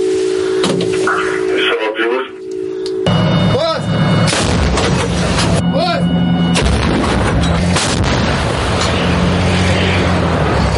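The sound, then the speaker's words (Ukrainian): An artillery gun fires shells with heavy, sharp booms, two or three loud blasts a few seconds apart, each leaving a rumbling roar, with muffled voices and radio-like chatter underneath. “Також необхідно дочекатися, поки перший снаряд впаде, аби аеророзвідка скоригувала наступний постріл і можна знову насипати.”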